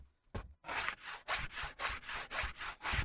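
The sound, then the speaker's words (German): Sandpaper rubbing back and forth over the edges of wooden feet in steady, rhythmic strokes, about two per second, fairly loud with a gritty hiss on each pass. “Du kannst inzwischen schon die Kanten von den Holzfüßen abschleifen.”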